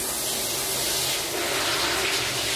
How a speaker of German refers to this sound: Unter der Dusche. Wird sich noch ein bisschen eingeseift.